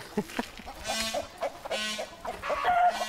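chickens clucking

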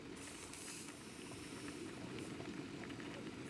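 herbal tea boiling

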